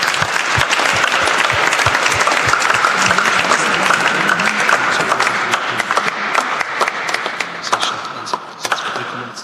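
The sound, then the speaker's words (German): An audience applauds the father steadily and loudly, a dense crackle of many hands clapping that holds for several seconds and thins slightly toward the end. “Aber einen Applaus für den Vater.”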